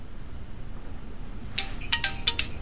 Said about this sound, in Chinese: 电话。